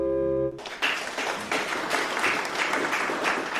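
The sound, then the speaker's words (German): A sustained organ chord ends abruptly and gives way to a crowd applauding steadily in a church, dense clapping filling a large reverberant room for several seconds. The applause follows an organ performance of the Bach-Gounod Ave Maria by young organists of the Freiberg church district. “Und dann gibt's sogar Applaus in der Kirche, was ja sonst nicht so üblich ist.”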